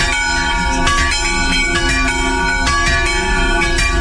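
Church bells in Horovce ring continuously and loudly, their overlapping metallic tones blending into a rich, sustained clangor with repeated strikes throughout, without any voices.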